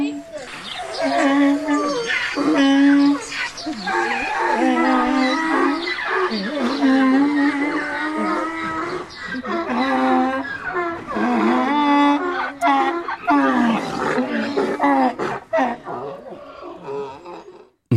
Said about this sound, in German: Was ein tolles Eselkonzert. Was eine tolle Eselkalation. Und das nur, weil das Handy Eselgeräusche gemacht hat.